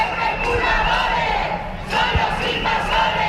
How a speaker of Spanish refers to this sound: En Badajoz, a pesar de la lluvia, cientos de personas se manifestaban este domingo por la vivienda.